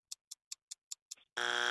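Six quick, evenly spaced ticks count down, then a loud, harsh game show buzzer blares steadily to signal time is up. No one speaks.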